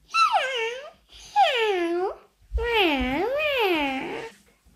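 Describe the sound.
A child imitates a kitten with three high, drawn-out meows: two short ones, then a longer wavering one. The voice is clear, with no other talking.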